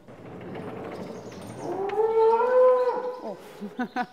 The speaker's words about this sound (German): Das ist sie. Das ist die Hanna. Das ist eine Jungkuh, deswegen regt sie sich hier gerade so ein bisschen auf.